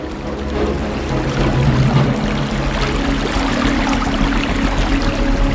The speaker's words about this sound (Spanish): Pero el agua comienza a inundar el bosque.